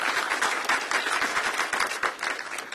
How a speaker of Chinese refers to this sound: 愿意的拍手，把荣耀归给主吧！大声一点，大声。